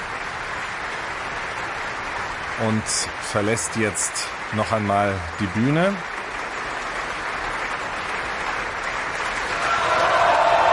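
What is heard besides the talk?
opera audience applauding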